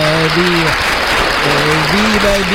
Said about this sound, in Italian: Ma stamattina non so come ci hanno questi effetti, vabbè. E beh, facciamo un applauso allora pure a questo punto. Facciamo un applauso.